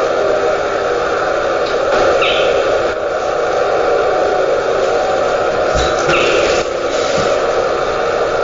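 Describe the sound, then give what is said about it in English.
A nocturnal animal gives a couple of brief, raspy chirps several seconds apart, fairly faint against a steady background hiss of night ambience. “The raspy chirp. I think they vocalize just when they become active at the dusk.”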